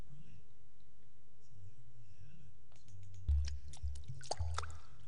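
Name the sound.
water dripping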